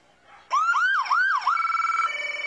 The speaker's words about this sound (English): Yep, giving us a little wee-woo. When I heard that sound earlier, I thought an alarm on my phone was going off. That kind of sounds like what wakes me up in the morning.